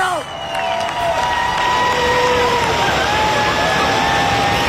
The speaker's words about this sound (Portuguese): e eu a qualquer momento vai sair o autocarro da seleção portuguesa, e é neste preciso momento, aplausos dos adeptos aqui, não só portugueses, mas também aqui presentes.